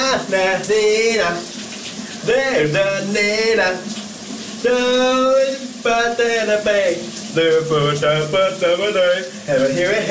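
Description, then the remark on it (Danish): A man, a colleague at the Danish radio station VLR, sings loud, wavering melodic phrases in several bursts with short pauses, over the steady hiss of a running shower spraying water throughout. “Dagens brusebads hit er klar. Kan du høre, hvad han synger her?”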